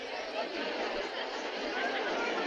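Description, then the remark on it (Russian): A steady, dense murmur of many voices fills a football stadium packed with fans before play, the match between Zubilo and Shaiba at 0-0, with no single voice standing out and the level staying even throughout. “Трибуны под завязку заполнены болельщиками. В воздухе стоит ровный, ни с чем не сравнимый гул человеческих голосов.”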